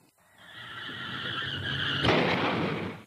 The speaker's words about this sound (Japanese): 車をぶつけちゃった、どうしよう。